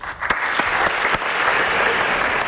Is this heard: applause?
yes